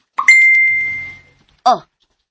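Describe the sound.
A single bright notification ding from a cellphone, signalling an incoming chat message, rings out and fades over about a second, followed by a brief voiced exclamation.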